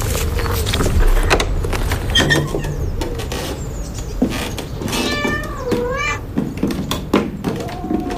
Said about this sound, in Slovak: Buďte ticho, niečo som počul. Miaukanie.